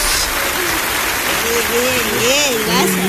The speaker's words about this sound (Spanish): aplausos.